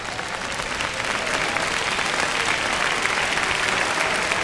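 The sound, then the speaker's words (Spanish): An audience applauds the name of the Lord during a church service, a dense, continuous wash of many hands clapping at an even loudness throughout, with no voices standing out. “Tomen asiento, amados, y si gusta puede aplaudir el nombre del Señor.”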